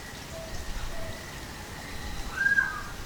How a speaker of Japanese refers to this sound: 薄暗い渓流で鳴き始めたのはアマミイシカワガエル。この島だけに生息する絶滅危惧種です。